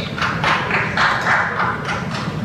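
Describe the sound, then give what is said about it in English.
A man claps steadily in the background, a quick run of sharp, evenly spaced hand claps repeating for a couple of seconds over a constant low hum, with no talking. “I like the guy clapping in the background.”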